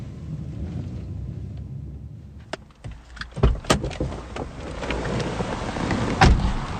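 A car drives through a rundown part of a city toward a safe house, with a steady low engine rumble, heard from inside. Sharp clicks and knocks start partway through and recur over the road noise. No one speaks.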